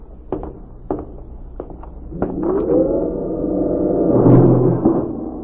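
A few knocks or footsteps in the pitch dark, going a few steps up, then a long, creaking groan as a heavy door swings open slowly, its scraping whine swelling louder before trailing off.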